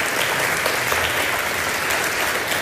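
Steady, sustained applause from an audience, a dense wash of many hands clapping at even loudness throughout, with no voices standing out.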